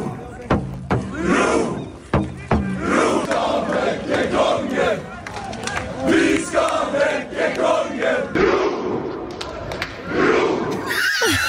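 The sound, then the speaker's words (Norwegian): Hundreds of people outside the royal palace in Norway shout and cheer continuously to wake the king, many voices overlapping in a loud, rowdy roar with occasional sharper yells rising above the din. “Akkurat nå så det hundrevis av folk som sitter utenfor slottet og prøver å vekke kongen.”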